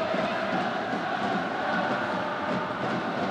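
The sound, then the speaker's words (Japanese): A large stadium crowd of FC Tokyo and Tokyo Verdy supporters roars and cheers loudly at the Tokyo Derby football match as the second half starts, a dense, unbroken wall of voices that holds steady for the whole stretch with no clear talk above it. “大きな声が響いて今笛が鳴りました。”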